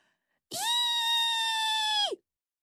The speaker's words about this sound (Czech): Zaječelo to Pepíkovi u ucha. Tak co? Letíme? Byl to malý Marťánek.